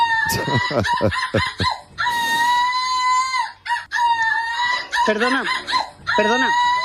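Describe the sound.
A woman, the European runner-up in seagull imitation, imitates seagull calls: a rapid series of loud, piercing squawks and long wailing cries with rising and falling swoops, repeated for several seconds without talking.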